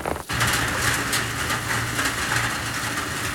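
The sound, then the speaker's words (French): Heavy raindrops drum down in a dense, steady roar, countless hard patters blending into one loud, continuous wash of noise with no voices. “Oh, elles sont fortes, ces gouttes d'eau. Toutes ensemble, elles font un bruit, un gros bruit.”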